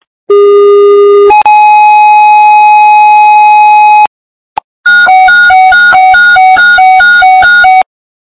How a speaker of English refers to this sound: Bless fire, stand by for tones.